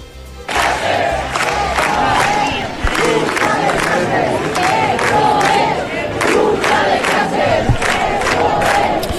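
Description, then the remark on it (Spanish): A large protest crowd fills the Gran Vía in front of the Spanish Government subdelegation at night, chanting loudly and continuously, many voices shouting in rhythmic bursts with sharp accented beats, the dense roar holding steady for the whole stretch. “La Gran Vía se desbordó y este es el clamor de la ciudad.”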